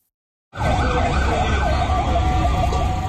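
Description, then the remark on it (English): Fire truck sirens wail at night through the streets of Caracas, Venezuela, after two powerful back-to-back earthquakes brought down buildings, their rising and falling tones looping loudly over a constant low rumble of engines and traffic. “Fire trucks are on the streets of Venezuela's capital tonight after two powerful back-to-back earthquakes struck west of Caracas, bringing down buildings.”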